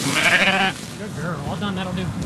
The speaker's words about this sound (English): rounding up his sheep with the help of his border collie, Pearl.